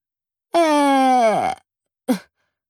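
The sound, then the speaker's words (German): A voice imitates the loud snore of a little man asleep in bed: one drawn-out, buzzing groan that slides downward in pitch, then a brief pause and a short snorting puff. “Sekunden später schnarcht er, dass die Bilder an den Wänden wackeln.”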